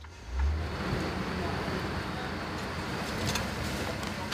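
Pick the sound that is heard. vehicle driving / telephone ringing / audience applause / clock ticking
vehicle driving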